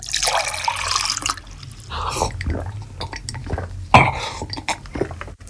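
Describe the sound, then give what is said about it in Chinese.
A tap runs in a steady rushing stream for about a second and a half as a cup fills with cold water, followed by several wet gulping swallows in an uneven rhythm as someone drinks it on a hot day. “一路回到家，开门进屋，打开水龙头，接了杯凉水，咕噜噜地喝了起来。”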